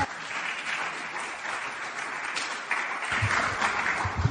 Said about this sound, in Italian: Potete fare un applauso liberamente.